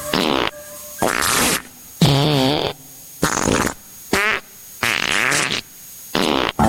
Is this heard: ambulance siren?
no